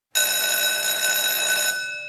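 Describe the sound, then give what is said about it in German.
A loud electric school break bell rings continuously, a harsh metallic clatter starting abruptly and sustained for about two seconds, with no voices. “Beim Klang der Pausenglocke stellten sich alle in ordentlichen Zweierreihen auf und marschierten fast wie Roboter aus dem Raum.”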